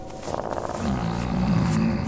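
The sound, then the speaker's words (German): A deep, rumbling wolf growl swells up after a brief moment and holds steady, loud, with a rough, throaty texture and no voices around it. “Wer? Ein Wolf?”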